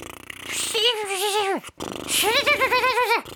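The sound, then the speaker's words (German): Two voiced lip trills as a loosening exercise, loose lips buzzing and fluttering as air blows through while the cheeks are wobbled by hand: the first holds a wavering pitch then drops away, the second rises and wobbles in a steady rhythm. “Also die Lippen mal locker lassen.”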